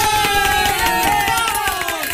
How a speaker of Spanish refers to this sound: Ahora sí aplaudan, muchachos, aplaudan, ahora sí.